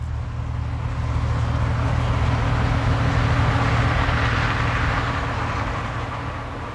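A continuous low hum of passing cars, steady and broad, with a deep rumble swelling slightly in the middle before easing off; no voices.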